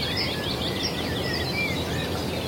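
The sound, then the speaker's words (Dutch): A female bird gives a rapid, laughing kek-kek call, high-pitched and repeated, woven into a busy chorus of other chirping birds over a steady background hiss. “Dat lachende geluid, dat kek, kek, kek, kek.”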